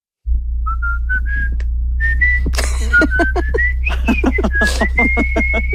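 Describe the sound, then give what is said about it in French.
A person whistles a short melody of distinct held notes that step upward and waver, clear, over a steady low hum with scattered clicks and breathy noise. “On parle de groupes de messagerie dédiés au sifflement de mélodie.”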